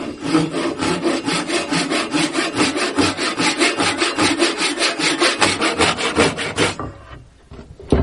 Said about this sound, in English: This is a Japanese pull saw, and it works different from American saws in that you push on those. And this, you're pulling towards you, and there is something spiritual about bringing the work into you.